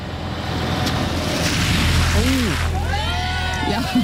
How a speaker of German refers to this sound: Tiefe Pfütze am Straßenrand. Du bist auf dem Gehweg und ein LKW oder auch ein anderes großes Auto fährt da durch und macht dich nass.